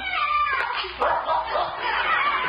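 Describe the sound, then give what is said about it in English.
A dog on a scent trail barks and yips excitedly in a rapid, continuous stream after finding something behind a garage, with high whiny yelps running together over a thin, hissy background. “That dog is real smart.”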